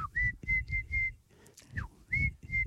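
A person imitates a tui bird call with a run of short, clear, steady-pitched whistles in a quick repeated rhythm, mixed with breathy low sounds and a few higher sliding notes.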